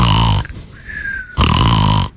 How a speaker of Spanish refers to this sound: El profe es bien obediente, mira. Está roncando. Mira, qué bueno.